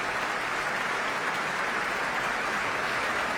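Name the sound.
concert hall applause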